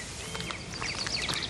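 Birds singing in quick, high chirps and short sweeping whistles that overlap and repeat over a steady, soft background hiss, with no one talking.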